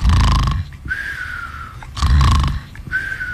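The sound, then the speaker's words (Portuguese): A man snoring at the Guarita: two loud, rasping snores about two seconds apart, each followed by a thin whistling breath, with no talking. “para de roncar na Guarita, ô rapaz, né?”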